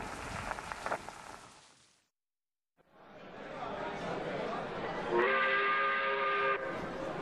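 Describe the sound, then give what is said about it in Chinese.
Crowd noise and murmuring voices of men, women and children crowding the Nankao railway station platform in China, waiting to flee after a flood, with sighs, coughs and crying children, give way to a steady rumbling train, then a loud, sustained whistle blows for over a second before the rumble carries on. “南考火车站的站台上挤满了准备逃荒的群众，结群聚伙的男女老幼拥挤着，叹息着，咳嗽声、小孩的哭闹声响成一片。”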